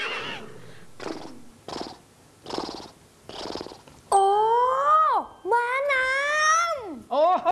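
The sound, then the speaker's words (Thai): A few breathy, rhythmic puffs, then a loud horse whinny: two long wavering neighs that rise and drop in pitch, with a short snort-like burst at the end. “ม้าน้ำถูกต้องครับ”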